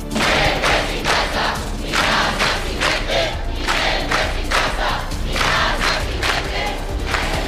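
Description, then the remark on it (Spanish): A loud street protest crowd in the islands chants in a steady, pulsing rhythm, many voices shouting together in repeated bursts, with a thick rumble of noise underneath throughout. “Y hoy se ha vuelto a oír en las islas estas protestas.”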